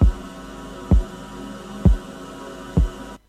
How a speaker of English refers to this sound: A nice heartbeat there, isn't it?